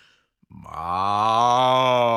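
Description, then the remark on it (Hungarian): A voice imitates a cow with one long, loud moo, starting after a brief pause and swelling into a steady, low, droning tone that holds for nearly two seconds. “A tehén hangosan bőgi.”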